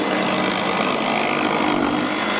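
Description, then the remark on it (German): Circular saws screech through wood in a steady, loud, harsh whine that fills the whole stretch without a break, at a huge open-air hobby workshop for children and teenagers on the Ferropolis festival grounds near Gräfenhainichen, Germany. No voices are heard. “Diesmal kreischen da keine Gitarren, sondern Kreissägen.”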